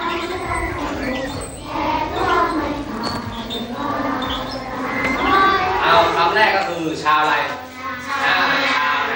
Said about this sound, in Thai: วันนี้เด็กๆชาวม้งเริ่มต้นการเปิดเทอมใหม่ด้วยการร้องเพลงชาติเพื่อสร้างสำนึกในความเป็นไทย